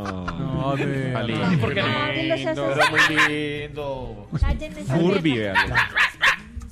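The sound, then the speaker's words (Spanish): A guard dog barks and yelps several times in bursts of sharp, tonal calls, while people talk over it. “Este man, perro guardián.”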